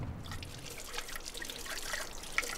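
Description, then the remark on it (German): A steady, gentle trickle of water runs continuously from a spring in the middle of a forest, where drinking water can be collected for free, with soft splashy detail and occasional brighter drips and no voices. “Mal wieder unterwegs sind Andi und Tanja zu einem Brunnen mitten im Wald.”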